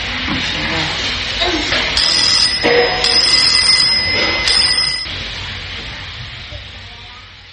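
A small, high-pitched bell rings repeatedly for about three seconds, bright jingling strikes over a steady hissing background noise, then stops, leaving only the hiss.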